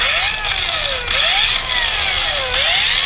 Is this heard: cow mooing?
no